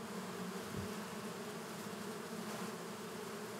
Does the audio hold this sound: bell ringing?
no